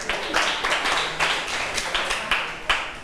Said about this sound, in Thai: เก่งมากปรบมือให้เพื่อนหน่อย